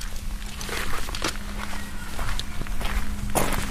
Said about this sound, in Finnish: Alkaako nämä meidän keikat aina sillä, että auto on viljyään kiinni? Ja sitten kuuluu tämä lukitusääni.